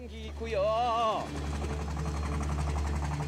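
A tuk-tuk engine runs with a steady, low, rattling putter throughout, and a brief wavering vocal-like tone rises over it near the start.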